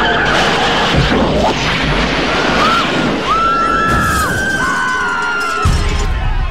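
car skidding and crashing

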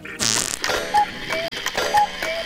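old clock ticking

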